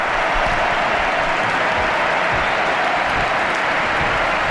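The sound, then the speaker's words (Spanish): The Camp Nou stadium crowd stands and gives a sustained, loud ovation to Alexia Putellas as she leaves the pitch, dense applause and cheering rolling continuously with no pauses or talk over it. “Mira, escuchad el Camp Nou, Dani, la ovación a Alexia Putellas.”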